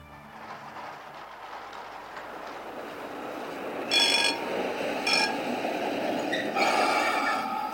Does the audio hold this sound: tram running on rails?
yes